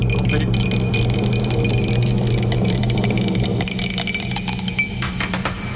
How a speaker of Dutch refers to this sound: Oh, ja, sorry. Ik heb de dobbelsteen laten vallen. Hij zit hier.